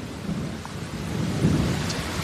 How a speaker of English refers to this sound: Heavy rain, thunderstorms in Alpharetta, Georgia. This is just to the north of Atlanta.